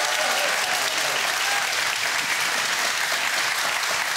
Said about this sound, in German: So, und das Studiopublikum hat vorher geübt und die sind jetzt wahnsinnig begeistert dabei mit einem Applaus für unsere beiden Studiokandidaten.